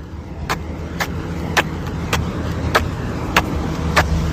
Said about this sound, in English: I'm on Queen Street, the main street of Masterton, and I'm about to walk the length of Queen Street taking baby steps. Here we go. I'm shuffling my feet so it makes for good sound effects on the radio.